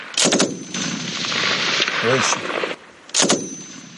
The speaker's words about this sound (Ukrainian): Далі стрільба. Інструктор направляє, аби щоразу бити більш влучно. Чергою.